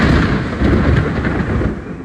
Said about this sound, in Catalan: Les tronades i les pluges van ser curtes però intenses.